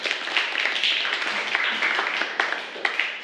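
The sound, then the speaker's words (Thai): A class of students applauds the second group steadily for about three seconds, a dense, even patter of many hands clapping at once with a few sharper claps standing out, and no one talking. “ปรบมือให้กับกลุ่มที่2ด้วยค่ะ”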